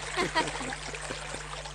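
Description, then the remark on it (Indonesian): Steady rushing of flowing river water fills the scene, a continuous moderate hiss with small splashy variations, and a brief faint voice-like sound near the start. “Tapi ngomong-ngomong, sedang apa kamu di sungai?”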